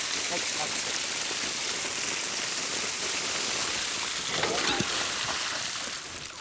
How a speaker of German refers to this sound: So einen schönen Springbrunnen haben die auch noch nie gehabt.